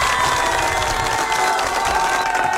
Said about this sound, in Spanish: Te mereces un fuerte aplauso, DJ.